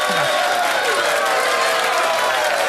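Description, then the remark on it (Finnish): Steady, dense applause fills the whole stretch, a loud continuous wash of clapping hands with some crowd noise mixed in, no individual claps standing out. “Mä annan sillä välin, kun sä availit, niin tintataan tuosta vielä Tarullekin isot kiitokset ja aplodit.”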